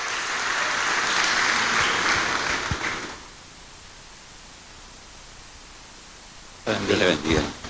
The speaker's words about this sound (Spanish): Le damos un aplauso al Señor, hermano, en esta hora. Gloria a Dios.